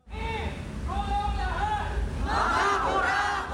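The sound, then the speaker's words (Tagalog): A protest crowd shouting together, many raised voices blending into a steady roar with chant-like pitches, growing louder and more intense in the second half. “Samot-sari man ang pinaglalaban, malinaw ang sigaw ng taong bayan sa mga naganap na kilos protesta.”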